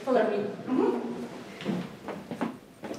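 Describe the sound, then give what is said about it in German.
Wooden floorboards creak and groan with a few squeaky, whining tones, followed by several dull footfalls moving across the floor, in the Russian Theatre in Riga, Latvia. “Er führt über knarzende Holzdielen, vorbei an klobigen Ledersesseln und vergilbten Theaterplakaten.”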